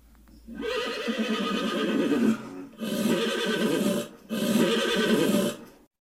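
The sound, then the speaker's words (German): Loud, harmonic horse whinnies ring out in three long calls, each lasting a second or two with brief pauses between, from horses that have broken loose and shied, sounding agitated with no one speaking. “Schnell rannten sie los und versuchten, ihre Pferde zu beruhigen.”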